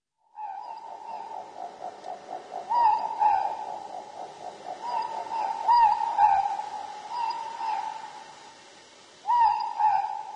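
A morepork (ruru) owl calls repeatedly with clear, mournful two-note hoots, standing out over a steady chatter of softer, rapid calls. Loud, with no talking. Played in RNZ's Little Bird Song segment.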